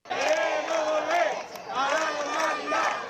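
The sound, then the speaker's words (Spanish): Several dozen citizens of Ceuta, mainly residents of the military housing on Avenida de Otero, protest in the evening, shouting together in unison, a loud sustained chant rising and falling in two strong bursts with a brief dip between them. “Es el grito unánime de los ceutíes.”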